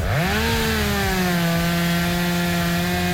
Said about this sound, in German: So, aufräumen mit der Kettensäge.